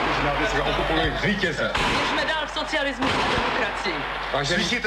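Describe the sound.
Several sharp cracks of gunfire ring out in a noisy, old-sounding archival radio recording, scattered irregularly over dense shouting voices and crowd commotion. A reporter's recording of dramatic moments in front of the radio building on Vinohradská třída, including the broadcast.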